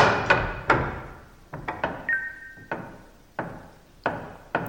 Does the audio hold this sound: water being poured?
no